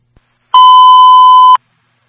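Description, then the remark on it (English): A single loud electronic alarm beep, a steady high tone held for about a second with sharp start and stop, sounding alone against silence; the same alarm had sounded at 4 o'clock that morning. “Same alarm we had at 4 o'clock this morning.”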